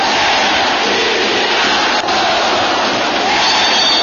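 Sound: football stadium crowd cheering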